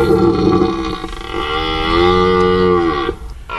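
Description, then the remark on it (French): A male red deer stag's rutting bellow in an animal park in the Rambouillet forest, France: one long, deep, droning roar lasting about three seconds, loud, ending abruptly with a brief grunt, and no voices. “C'est un cerf que vous entendez, hein.”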